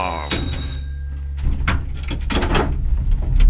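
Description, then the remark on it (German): In Naumburg, a tram's handbrake gives a brief tonal whine, then the doors clatter open with a series of clunks and rattles over a steady low mechanical rumble as a young woman boards. “So, jetzt halt mal an und eine kleine junge Dame steigt weiter ein und die Handbremse wird gezogen, die Tür geht auf, eine junge Dame steigt und die wilde Fahrt geht weiter.”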